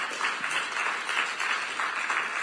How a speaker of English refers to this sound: Give the Lord Jesus a loud hand clap this morning.